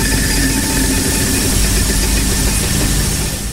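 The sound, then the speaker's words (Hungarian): A game wheel is spun in a game show, giving a loud, steady, rapid mechanical rattle that runs without pause, alone, easing off slightly at the very end. “Pörgetek, izgulok.”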